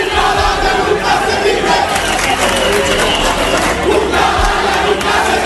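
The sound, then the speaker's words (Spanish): A large crowd of the people of Ceuta cheers and shouts for President Vivas in a loud, sustained roar of many voices, steady and unbroken for the whole clip with no single speaker standing out. “El pueblo de Ceuta ovacionando al presidente Vivas.”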